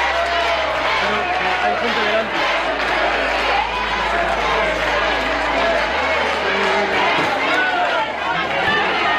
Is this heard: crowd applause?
yes